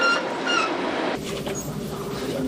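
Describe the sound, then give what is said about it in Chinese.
A passenger train hauled by a diesel locomotive pulls away from Golmud Station, heading onto the Qinghai-Tibet plateau toward Lhasa, with a steady rumble of engine and rolling wheels, brief high wheel squeals early on, and no voices. “在内燃机车的牵引下，列车驶离格尔木车站。”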